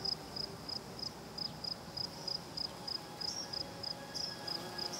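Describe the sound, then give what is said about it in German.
Crickets and grasshoppers chirp in southern Portugal in a steady, evenly spaced rhythm, about three high-pitched pulses per second, with a soft low outdoor rumble underneath and no voices. “Im typischen Konzert des Südens geben Grillen und Heuschrecken den Ton an.”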